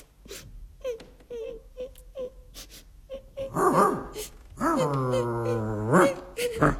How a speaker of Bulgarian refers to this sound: не плачи